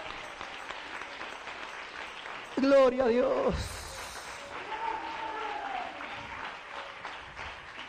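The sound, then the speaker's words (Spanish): An audience claps steadily throughout, giving applause to the King, a dense wash of applause, while a man's voice exclaims loudly over it for a moment midway before the clapping continues under quieter speech. “Dele un aplauso al Rey.”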